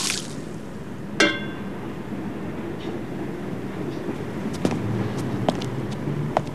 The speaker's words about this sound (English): outside at night, Seymour empties water from tin flower containers.